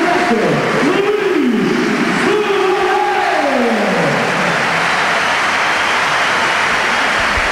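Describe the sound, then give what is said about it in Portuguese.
The crowd at Sporting's Alvalade stadium applauds in a dense, steady roar of clapping that holds at an even loudness throughout, with rising and falling voice-like tones woven through the first few seconds. “Só aplausos. Só aplausos de Alvalade.”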